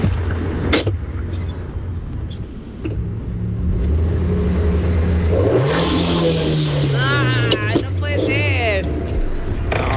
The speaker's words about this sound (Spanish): Ni entrada ni es una moto, es un carro. Le están poniendo el freno en mano, ¿verdad? A ver. Y ahí cierra la puerta. Cierra la puerta. Ahí lo prende. Y el acelerón. No, es freno de mano.